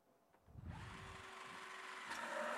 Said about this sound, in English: Walang special na gamit na kailangan. Yung drill na yan ay meron kayo.